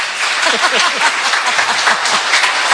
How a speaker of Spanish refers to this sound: Voy a pedir un aplauso. Niños, eso, hay un montón. Mira, los vas a escuchar.